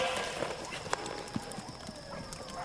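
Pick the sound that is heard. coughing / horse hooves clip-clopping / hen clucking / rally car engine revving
horse hooves clip-clopping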